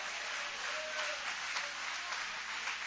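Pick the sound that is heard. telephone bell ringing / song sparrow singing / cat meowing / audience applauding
audience applauding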